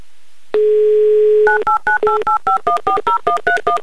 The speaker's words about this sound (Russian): Набран номер телефона Сергея, звоним в Беловодск.